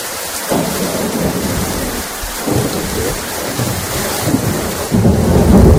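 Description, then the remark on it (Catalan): Steady heavy rain hisses throughout while deep rolls of thunder rumble, swelling in waves and building to a louder burst near the end, during an evening and night storm in Catalonia. No voices. “Ho escolten, la pluja, els llamps i els trons han estat els protagonistes d'un vespre i d'una nit molt complicada al territori català amb motiu del temporal que ha sacsejat Catalunya, sobretot al litoral i prelitoral central.”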